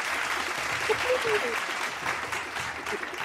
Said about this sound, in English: where's my round of applause at?